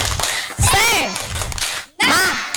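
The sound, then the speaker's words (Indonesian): A group of kindergarten children at TK Diaspora claps in rhythm while high voices chant together in a 'tepuk semangat' clapping chant, with sharp bursts of clapping and a brief pause before the chant picks up again. “Oke, kita tepuk semangat, tepuk semangat.”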